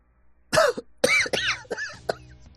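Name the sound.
woman coughing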